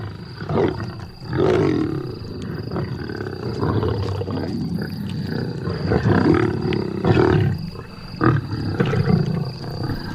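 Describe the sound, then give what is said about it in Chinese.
Several lions of a pride snarl and growl over one another without pause while feeding on meat, a deep rumbling chorus broken by harsher, louder outbursts around the second and eighth seconds; no one speaks. “狮子在进食时非常好斗”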